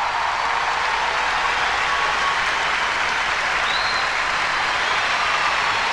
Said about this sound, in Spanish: un aplauso para ellos